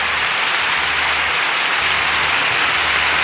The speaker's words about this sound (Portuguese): Aplausos aí, meu povo. Aplausos aí.